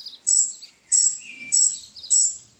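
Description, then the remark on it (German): A baby robin with few feathers yet chirps from its nest in a tree by a fence in the neighbouring garden, in four quick, evenly spaced bursts of thin, high-pitched cheeps. Fairly clear, with nothing else in the background. “Aha, ein Rotkehlchennest. Dachte ich's mir doch. Oh, da sitzt ein Vogeljunges darin.”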